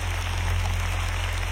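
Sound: audience applauding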